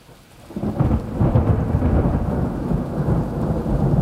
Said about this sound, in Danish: Tak fordi du lytter med, og jeg slutter af med et ordentligt skrald. Et super lækkert optaget tordenskrald.